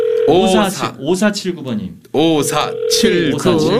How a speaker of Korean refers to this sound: 자, 또 방학생 지금 전화 한번 걸읍니다. 네.